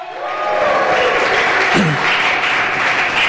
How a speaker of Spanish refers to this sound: Dele ese aplauso y un grito de júbilo.